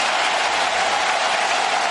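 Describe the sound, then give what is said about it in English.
A large stadium crowd in Atlanta rises, roars and applauds during a Braves–Dodgers baseball game in a dense, steady wash of noise that stays loud and even throughout, with no voices standing out. “Well, the crowd rising in Atlanta.”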